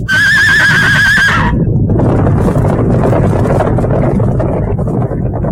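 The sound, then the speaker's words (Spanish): A loud, shrill whinny with a quavering pitch from horses frightened by snow breaking loose and sliding down the slope rings out for about a second, then gives way to a heavy, continuous roaring rush like wind or tumbling debris. “¡Los caballos se han asustado!”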